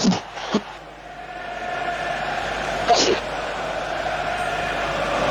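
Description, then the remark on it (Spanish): A stadium crowd at San Lorenzo's Nuevo Gasómetro roars and shouts in a dense, steady wash of voices, with a few sharper bursts of yelling rising above the constant din. “Se escucha a la gente gritar a pleno, ¿eh?”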